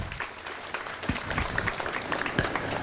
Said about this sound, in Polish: A jak było pięknie, jeśli doceniamy to, co dzisiaj dziewczęta zrobiły, to ja wiem, że to nie jest liturgiczne, ktoś może się doczepić, ale skoro pokazania biją brawo, to myślę, że dla DSM-ek również możemy za ich piękne dzieło podziękować oklaskami.